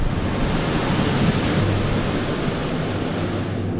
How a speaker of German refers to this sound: Danach folgt eine Luftdusche. Für die nur wenige Millimeter kleine Tigermücke ist der Luftstrom eine unüberwindbare Barriere.